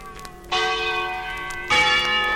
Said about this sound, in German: das soll Schillers Glocke sein?